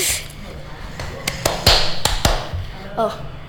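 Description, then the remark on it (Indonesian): A handful of sharp hand claps in an uneven rhythmic pattern, an Indonesian Scout (Pramuka) clapping routine, five or six crisp slaps bunched in the middle, over a low background murmur. “Oke, tepuk-tepuk pramuka tuh gini.”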